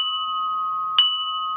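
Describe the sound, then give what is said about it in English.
A china mug rings with a clear, sustained bell-like tone, then is struck once more partway through, renewing the bright ringing that hangs on to the end. No voices are heard. “Sounding like the seven bells of Hades.”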